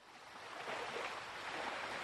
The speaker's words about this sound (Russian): За окном стало совсем темно. Слышно было море.